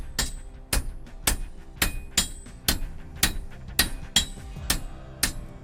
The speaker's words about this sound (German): Machen Sie das mit einem Rhythmus, damit es leichter geht? Oder? Ja. Das ist, man setzt nicht einzelne Schläge, das wäre sehr ermüdend, sondern man lässt den Hammer laufen.